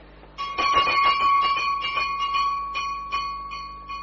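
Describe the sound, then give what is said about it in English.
A small servant's call bell, the bell for a guest's room, jangles in a rapid, insistent flurry of strikes, then rings more slowly and fades while its metallic tone lingers. No voices are heard. “It's the bell of your room, sir. If you're down here, who rang it?”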